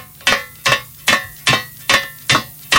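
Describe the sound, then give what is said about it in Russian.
Stiletto heels click against a hard surface other than asphalt in seven sharp, bright strikes at a steady walking pace, each tap crisp and ringing briefly. No voices are heard. “Шпилечки. Видимо, поверхность надо назвать еще.”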